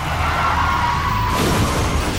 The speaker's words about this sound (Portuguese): Chefe está capotando.